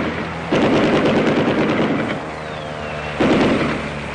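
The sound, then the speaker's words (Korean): Two long, loud bursts of rapid machine-gun fire rattle out as Kuomintang air force planes fly low over the treetops, bombing and strafing, separated by a brief lull where a faint high whine, like a diving aircraft, can be heard. No one speaks. “비행기는 나무 끝을 설칠듯이 득이 양양하게 날면서 폭격과 사격을 퍼부었다.”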